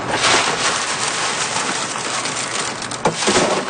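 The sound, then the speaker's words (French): Alta de Moda beans being winnowed in the wind at Saint-Laurent on Île d'Orléans, Quebec: a dense, steady hiss and patter of grain showering down as husks blow away, continuous throughout with a few sharper clatters near the end. No voices. “Puis après, avec le vent, j'envoie ça ici, on appelle ça vanner. C'est que là, avec le vent, la cosse, ça s'en va, puis le grain tombe.”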